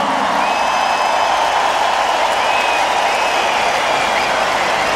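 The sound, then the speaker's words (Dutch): A crowd claps for the drummer in a steady, dense roar of applause that holds at full strength throughout, with a couple of faint whistles sliding through the noise. “Mag ik een groot applaus voor de man op de drums,”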